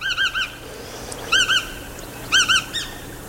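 A long-billed wading bird with a slightly upturned bill, white belly, long legs and a body a little larger than a blackbird's calls in three quick bursts of two or three clear, piping notes, fairly loud, over a faint, steady background hiss.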